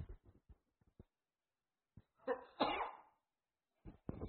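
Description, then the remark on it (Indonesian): A single sharp sneeze bursts out midway, loud, framed by brief breathy sounds and short murmurs before and after. “Alhamdulillah. Ya hadikumullah subhanahu.”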